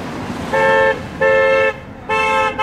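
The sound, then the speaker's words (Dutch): Three loud, sustained car horn blasts sound in quick succession, each lasting about half a second, over a steady hum of traffic, as a car reacts to a daily protest against the policies of Donald Trump. “Is that a good honk or a bad honk?”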